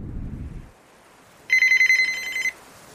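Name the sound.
telephone ringing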